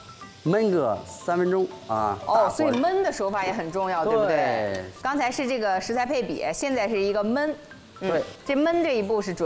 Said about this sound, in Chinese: 就是要喷入生抽，调味料一定要顺着锅边啊，因为现在锅是在受热状态，顺着锅边走，才能激发它调味品的香味儿啊，香味立马就出来了。 是，它就是要呲拉那一下，一定要往锅边，也就是温度最高的地方去喷。